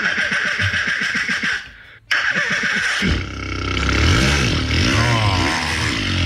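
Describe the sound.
A Berlin-based mouth-sound artist imitates a motorbike starting using only his mouth: a stuttering, pulsing buzz, a brief gap and a click, then a loud rising, revving engine roar with wavering pitch.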